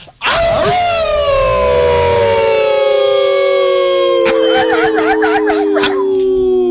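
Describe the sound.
A man in Virginia lets out a long, loud wolf-like howl, a sustained tone slowly gliding downward, with a warbling, wavering stretch near the end before it trails off.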